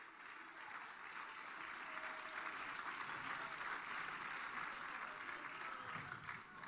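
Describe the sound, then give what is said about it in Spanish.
An audience claps steadily in praise to Christ, a dense wash of many hands for several seconds, with faint voices mixed beneath the applause. “Dele palmas de alabanza a Cristo.”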